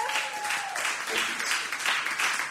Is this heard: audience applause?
yes